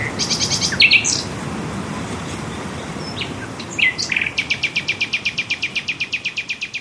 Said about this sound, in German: zusammen mit einer Nachtigall.